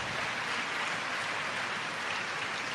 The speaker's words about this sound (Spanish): ¿Pueden decir amén a eso? Dale un aplauso al Señor por la palabra.